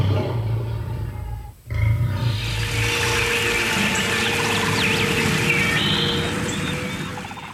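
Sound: lions roaring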